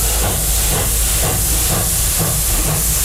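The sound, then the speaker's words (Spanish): A steam train hisses loudly and steadily, with a rhythmic chugging pulse beneath the broad hiss, continuous with no voices. “La verdad es que este tren es un poco como de vapor, ¿no?”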